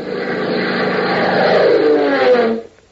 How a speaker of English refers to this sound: As a cloud-flecked afternoon sky casts a weird, ever-changing pattern of light and shadow on the open rangeland of Texas far below, a sleek, streamlined Beechcraft biplane, its powerful engine drumming smoothly